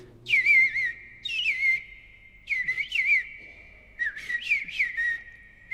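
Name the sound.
eastern Bluebird song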